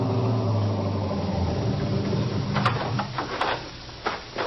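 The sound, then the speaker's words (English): A police car engine rumbles low and steady, then a few sharp crunching clicks and thumps follow as the car, coming off a dirt road, rolls to a halt in front of the Sportsman's Retreat lodge in the Catskills in the morning. No voices. “And 20 minutes later, we were pulling up in front of the lodge.”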